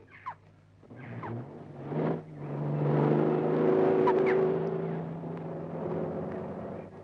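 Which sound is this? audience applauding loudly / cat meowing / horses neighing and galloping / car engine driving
car engine driving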